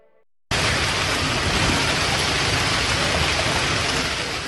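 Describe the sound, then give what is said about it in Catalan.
A hailstorm pours down on a Monday evening in Tarragona in a dense, loud, hissing roar of countless impacts that starts abruptly after a brief quiet moment and stays steady to the end, with no voices. “Així sonava la calamarsada que queia aquest dilluns al vespre a Tarragona, una tempesta que ha inundat carrers, baixos i comerços i que ha fet caure diversos arbres, afectant la mobilitat.”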